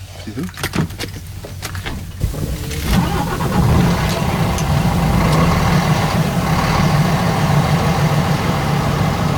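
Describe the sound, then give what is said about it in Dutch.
An old diesel truck engine is started with a key: a couple of seconds of clicking, cranking turnover, then it catches and settles into a loud, steady rumbling idle. “Dus die moet ik echt nog met het sleuteltje moet ik die opdraaien. En zullen we kijken of die doet.”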